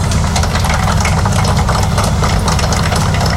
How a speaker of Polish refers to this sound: Cieszymy się, że ten autobus za chwilę wyruszy do Turku i będzie wracał tutaj do Konina.